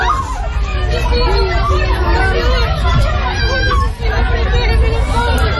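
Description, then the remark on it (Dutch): A loud, dense crowd of agitated voices shouts and calls over one another without pause, a constant panicked hubbub with a low rumble of street noise underneath: people running in panic in the street in Venezuela after two strong earthquakes. “Veel gebouwen zijn kapot, mensen renden in paniek op straat, is te horen op deze beelden.”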